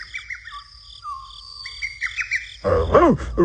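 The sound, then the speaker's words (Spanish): High, warbling bird chirps repeat in quick runs over a faint insect-like hum, growing denser and louder near the end with a burst of rapid, sweeping calls. “Miren, ahí viene el pájaro, Dani, y se ve triste.”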